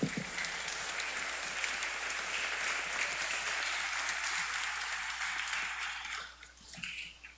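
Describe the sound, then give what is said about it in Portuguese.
A crowd applauds the music ministry steadily for about six seconds, a dense, even wash of many hands clapping that tapers off near the end, leaving a few scattered claps. “Então, muito obrigado ao Ministério de Música, uma salva de palmas para eles.”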